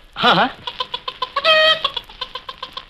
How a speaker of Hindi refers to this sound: मुर्गी। हाँ पकड़ लाओ। मुर्गी? हाँ।